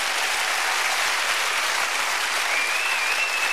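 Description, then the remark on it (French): An audience of people over 45 applauds itself steadily, a dense, even wash of clapping from many hands that holds at a constant loud level with no voices over it. “Bien sûr, vous pouvez vous applaudir.”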